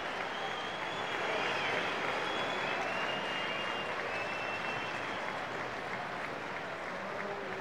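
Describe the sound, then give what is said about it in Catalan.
Steady applause from a crowd fills the whole stretch, a dense, even wash of many hands clapping at constant loudness with no voices standing out. “Però és que fins i tot hi ha aplaudiments,”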